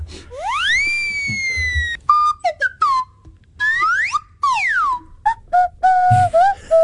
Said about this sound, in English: Oh, I know, and I came across this fact when I heard a compilation of just the effect whistles. So I've got a little audio clip for you here, if you have a listen.